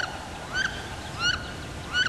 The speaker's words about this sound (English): This is WSHU's Bird Song Break. This week, it's the wood duck.